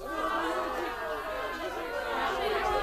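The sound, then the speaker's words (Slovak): A crowd of villagers from the valley shouts and cheers with joy because a whistle warned them of the wind and the birds, many overlapping voices forming a steady, loud clamour of excited calls with no single voice standing out. “Čo je to za krik? To sa ľudia z doliny radujú, že ich píšťalka varovala pred vetrom a vtákmi.”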